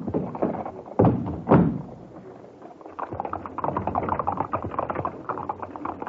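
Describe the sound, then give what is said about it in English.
Hooves of a horse-drawn four-wheeler cab clip-clop along, with two heavy thuds early on and a steady, busy rattle of hoofbeats and wheels after, moderately loud with no talking. “We'll take a four-wheeler. Cab!”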